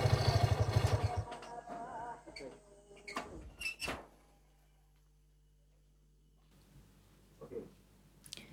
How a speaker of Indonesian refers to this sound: Pintu terbuka.